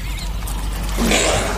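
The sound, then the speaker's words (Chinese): A caracal's low, throaty growl, a warning to a cheetah, rises out of a steady rumbling background in the final half second, rough and harsh rather than tonal, with no voices present. “叟猫的低吼是对猎豹的警告。”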